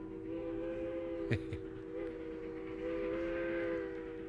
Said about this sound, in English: But it was a train whistle much the same as that that caused some worrisome years for my mama and started a lifelong love affair with trains.